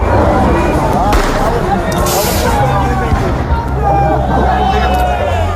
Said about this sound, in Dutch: Vanavond liep een protest opnieuw uit de hand. Er werd vuurwerk gegooid en brand gesticht.